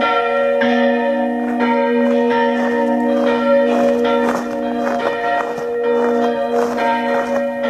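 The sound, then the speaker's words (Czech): Church bells Urban and Ján ring out festively and continuously in Bardejov at their first festive ringing, their strong overlapping strikes and long humming tones blending into a loud, rich peal with no voices present. “som sa zoznámila pri prvom slávnostnom zvonení Urbana a Jána v Bardejove.”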